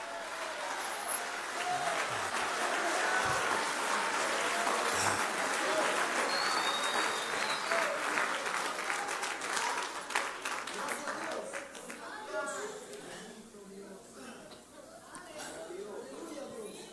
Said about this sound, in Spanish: Si tú lo recibes, dale una ofrenda de palmas a Dios.